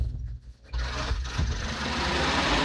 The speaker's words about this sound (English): Oh, here's the bus here.